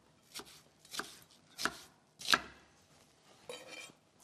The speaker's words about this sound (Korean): 양파도 이제 금방 익는 재료이기 때문에 네. 사이즈는 조금 더 크게 제가 잘라주도록 하겠습니다. 사이즈 더 크게.